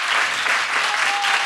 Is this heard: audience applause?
yes